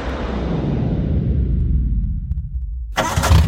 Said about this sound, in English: Don't worry, bro. That noise just means the engine is purring, like a lion. That's not a purr, man. Your clutch is slipping.